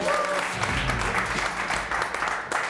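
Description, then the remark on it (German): A brief burst of applause from a small group, steady dense clapping for a couple of seconds, fairly loud, with no talking over it. “Kleinen Applaus.”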